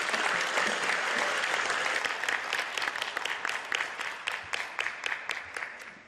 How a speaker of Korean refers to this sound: 큰 박수로 우리 … 모시도록 하겠습니다.